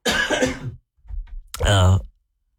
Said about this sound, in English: I have to cough, excuse me.